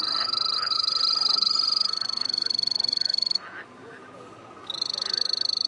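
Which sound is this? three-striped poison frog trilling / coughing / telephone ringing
three-striped poison frog trilling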